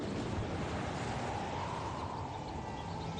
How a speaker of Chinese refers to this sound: 晴朗的天气并不太久，没过一会儿，海面上便起了大风，海浪也掀起了巨大的波涛。